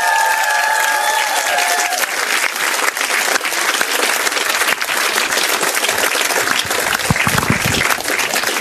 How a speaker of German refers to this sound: Ich glaube, da gibt es schon einen Applaus einmal für die Fitness.